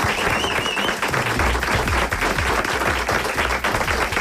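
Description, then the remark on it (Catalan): A studio audience applauds steadily, a dense, loud wash of many hands clapping that holds at an even level throughout, with a faint whistle-like tone briefly audible early on. “Que bé sona aquest estudi amb els aplaudiments, eh?”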